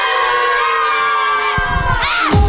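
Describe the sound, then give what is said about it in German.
A classroom of schoolchildren in Munich cheering and shrieking together, a dense, high-pitched wall of voices that holds steady and then swells into a louder burst of excited screams at the end. “So klingt das schon die ganze Woche in den verschiedensten Klassenzimmern in München und der Region.”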